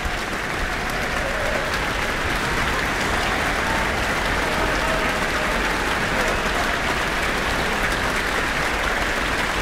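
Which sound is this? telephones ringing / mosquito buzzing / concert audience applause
concert audience applause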